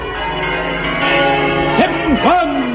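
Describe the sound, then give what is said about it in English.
Church bells ring together in a dense, continuous clangor, their overlapping tones sustained and loud throughout, with a few brief vocal swoops rising and falling over the pealing. “Ooh, when the Dean sees this, he'll never dare touch a bell again.”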